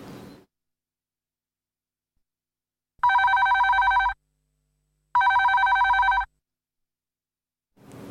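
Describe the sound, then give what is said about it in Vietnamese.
A telephone in a radio studio rings twice in steady electronic trills, each burst about a second long with a pause between, loud, with brief bits of other sound at the very start and end; listeners are calling in live with music requests. “Và tiếp tục chương trình ngày hôm nay thì chúng ta sẽ cùng đến với những yêu cầu âm nhạc do quý vị và các bạn gọi điện trực tiếp về cho chương trình qua hai số điện thoại đặt trực tiếp tại phòng thu”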